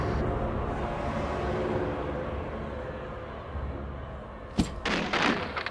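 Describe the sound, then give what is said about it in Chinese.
A steady rumbling din fills the first few seconds, then a sharp wooden crash bursts out near the end, followed by a short flurry of splintering, banging impacts as an attic door is smashed open by agents. “门终于被砸破了，特务们一拥而入”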